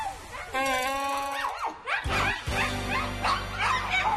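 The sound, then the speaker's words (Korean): A dog in a village barks repeatedly and loudly, a string of sharp yaps following an opening stretch of high, drawn-out whining, with the barks coming in quick, uneven bursts. “개 짖는 소리에 온 동네가 떠들썩합니다.”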